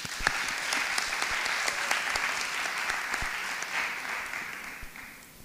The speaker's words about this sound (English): Let's give one more round of applause for their hard work as we get started.